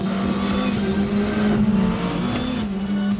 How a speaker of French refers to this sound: il est vraiment efficace, c'est-à-dire qu'il est souple, il est plein, il n'est pas brutal. Il y a de la puissance à tous les régimes. Un régime maxi quasiment à 8000 tours. Pour un moteur turbo, c'est quand même une plage de régime assez élevée.